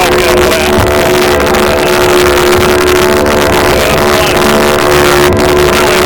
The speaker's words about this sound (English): This small boat shows up. We all cram in, take off. When we booked our Bacardi Island trip, thought we'd be on a set or a dinner cruise type boat, not this tiny boat.